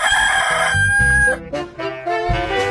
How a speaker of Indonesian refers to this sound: Suatu senja saat matahari mulai tenggelam, seekor ayam jantan terbang ke dahan pohon untuk bertengger. Sebelum dia beristirahat, dengan santai, dia mengepakkan sayapnya 3 kali dan berkokok dengan keras sekali.